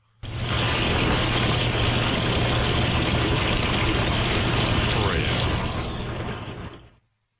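A dishwasher runs with a steady, dense rush of spraying water over a low motor hum, holding constant for about seven seconds before cutting off; a thin higher hiss joins briefly near the end.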